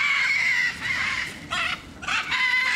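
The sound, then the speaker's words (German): Hungry macaws screech loudly and harshly as keepers arrive with a cart and food, flying to the front; several raspy calls overlap in bursts with brief dips between them, with no talking. “Und dann kommen die witzigerweise immer ganz nach vorne geflogen und schreien ein bisschen rum, sind ein bisschen laut.”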